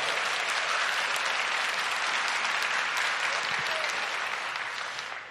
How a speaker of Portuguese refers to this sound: Quem crê nisso, aplauda bem forte a Jesus.